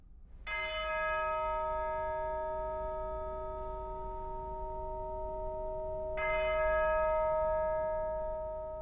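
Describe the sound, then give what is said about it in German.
A deep church bell tolls slowly, two resonant strokes several seconds apart, each ringing out with a long, humming decay that fills the gap between them, part of six bell strokes that open a recording of a French Baroque Requiem. “Die Einspielung beginnt mit 6 Glockenschlägen.”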